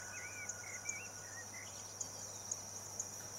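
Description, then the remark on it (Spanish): A steady, shrill chorus of crickets fills the background while birds whistle short, warbling calls, with faint regular chirps ticking through. “Y ahora grillos, pájaros.”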